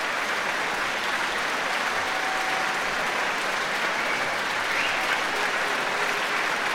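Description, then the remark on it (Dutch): Sustained, dense applause from a large concert audience in Rotterdam for the musicians of the Rotterdam Philharmonic Orchestra as they come back on stage with Lahav Shani, steady and loud throughout, with no individual claps standing out and no voices speaking over it. “En ook grote applaus nog weer voor de muzici van het Rotterdamse Philharmonisch Orkest.”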